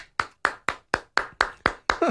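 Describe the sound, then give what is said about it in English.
A slow, polite golf clap: eight soft, evenly spaced hand claps at a steady rhythm, each a short crisp slap with a brief decay, with no voices over them. “Well played. A golf clap.”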